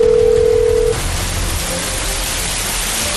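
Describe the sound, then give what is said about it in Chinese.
A single steady, mid-pitched telephone tone sounds for just under a second as a mobile phone dials the emergency number 120, then cuts off, leaving a constant hiss of falling rain that carries on alone. “联系了他的家属，又马上拨打了120。”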